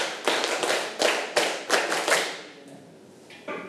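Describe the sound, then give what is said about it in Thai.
A group of children clap their hands ten times, told by their teacher as a warm-up activity, in a steady, quick rhythm, each clap a loose, slightly scattered burst, fading out after a couple of seconds before one last stray clap. “ปรบมือ5ครั้งปรบมือ10ครั้ง”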